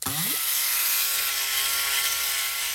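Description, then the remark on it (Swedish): The small motorized propeller of the character Plåt-Niklas whirs to life like a helicopter, its pitch sweeping quickly upward before settling into a loud, steady, buzzing drone that continues on its own without talk. “Nu ska vi bara sätta snurr på propellen också.”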